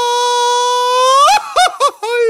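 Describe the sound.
A single voice lets out a long, held high yell that breaks into several quick warbling, yodel-like whoops, an attempt at a mariachi grito, loud with no talking over it.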